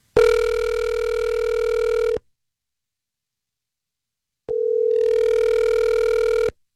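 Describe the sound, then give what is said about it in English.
Two long ringback tones of an outgoing phone call placed from the Star 101.3 radio morning show, each about two seconds, separated by a pause of roughly two seconds; steady, clear and fairly loud with no talking. “I'm going to give him a call. Here we go.”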